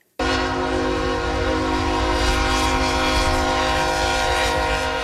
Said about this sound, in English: So that is a horn blaring because the train tracks are right there. Trains go through there.